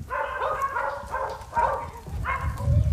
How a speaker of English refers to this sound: How many dogs are there?